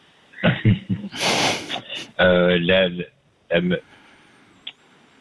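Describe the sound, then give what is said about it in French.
A smoker clears their throat, brought on by cigarettes, in a series of harsh, raspy bursts with a noisy breathy rush and a voiced, grunting rumble, followed by a brief final clearing before quiet. “C'est la cigarette qui me fait racler la gorge.”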